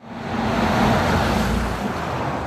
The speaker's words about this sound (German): Es herrscht viel Verkehr auf der Eiberg-Landesstraße. Radfahrerinnen und Fahrer, die etwa von Schwoich oder Söll Richtung Kufstein wollen, müssen hier für kurze Zeit den Radweg verlassen und auf die Straße.